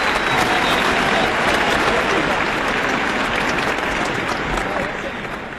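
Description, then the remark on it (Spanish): A large audience applauds continuously, a dense, steady wash of many hands clapping, holding strong for several seconds before starting to taper off at the end. “Es un gran honor este aplauso inmenso.”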